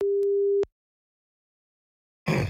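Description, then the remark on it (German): A single steady, mid-pitched ringback tone of an outgoing call placed by Schwarzwaldradio to a listener sounds for just over half a second, followed by a long silence before a brief burst of rough noise at the end. “Es läutet.”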